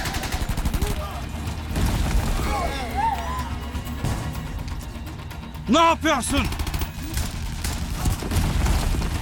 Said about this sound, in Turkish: Neydi o? Patlama gibiydi.